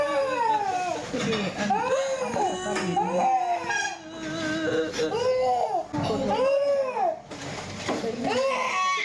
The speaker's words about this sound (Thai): เด็กเจ็บอ่ะ แล้วคนเป็นพ่อเป็นแม่นะได้ยินเสียงลูกร้องแบบนี้ใจจะขาด เด็กตัวเล็กนิดเดียว